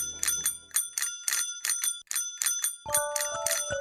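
A telephone rings with bright, metallic bell bursts repeating in a quick, steady rhythm, then gives way to a warbling electronic ring tone near the end, calling the number of nature guide Marco Pascolino. No one speaks.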